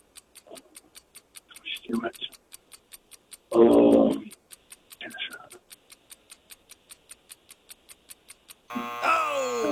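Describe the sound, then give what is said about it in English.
A quiz timer ticks steadily at a quick, even pace while someone speaks softly over it, then a harsh, loud buzzer sounds to end the round. “I can't get it. The buzzer.”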